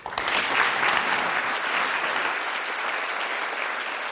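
A large audience at the 101st Zeitforum Wissenschaft in the Humboldt Forum, Berlin, claps steadily for the expert panel on the podium, a dense, sustained wash of applause at full strength from the start that holds evenly throughout without pause.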